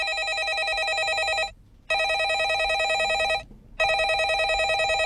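A landline telephone ringing sound effect taken from the internet rings in three long bursts with short gaps between, a trilling electronic bell that warbles rapidly, loud with no voices.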